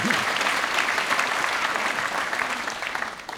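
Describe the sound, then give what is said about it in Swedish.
An audience at a concert applauds steadily after a trio of baroque cello, nyckelharpa and jazz piano played a jig from Bach's first cello suite, a dense wash of many hands clapping at a constant, fairly loud level throughout, with no voices standing out. “Och innan, ja, han kan också få en applåd.”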